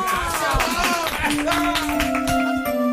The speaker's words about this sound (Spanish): Doc, muchas gracias. A ustedes. Un aplauso para la doctora.